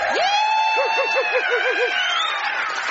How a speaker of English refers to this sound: Hello, football crowd.